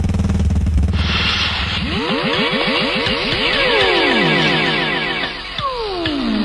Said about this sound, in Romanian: Al lui Ionescu de la Demisol, care acum și-a găsit să ambreieze motocicleta.